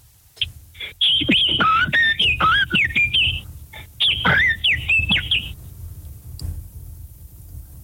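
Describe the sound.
A man whistles a lively imitation of blackbird song, fluting up-and-down phrases in two bursts separated by a brief pause, clear with no talking.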